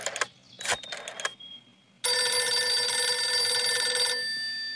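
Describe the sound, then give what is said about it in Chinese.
A telephone rings with a loud, bright, continuous bell lasting nearly three seconds, after a few short scratchy bursts of sound; nobody speaks. “薛成业说完，马上示意李介仁把电话打给侯静茹。”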